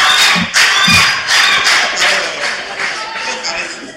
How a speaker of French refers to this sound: Je vous prie d'applaudir très fort, s'il vous plaît.